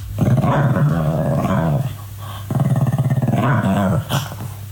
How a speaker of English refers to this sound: What is this? This is in the middle of the night. Like 2 in the morning. What is it doing, though? Is it awake? So there's phases of this dog's noises, right? So the first phase is it's rolling around on the floor, making those noises